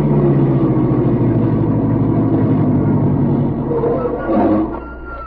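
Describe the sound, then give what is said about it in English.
A car engine rumbles steadily, a low, even drone that dips and settles to a quieter idle near the end as the car comes to a stop near a small airport. “Driver, stop the car near that airport.”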